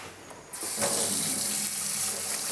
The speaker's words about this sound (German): Okay, dann ans Wasser. Gut, ja. Waschen wir sie. Spülen wir sie eben ein bisschen ab.